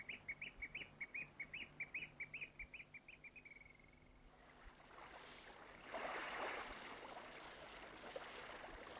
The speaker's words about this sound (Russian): Ты послушай. Соловей. Соловей.